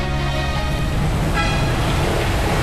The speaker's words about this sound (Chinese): 那么我们现在是在酉阳武陵山农批中心，那么一大早我们就来到这里，这里有无数的卡车进进出出，带来了全国的果蔬，十分的热闹。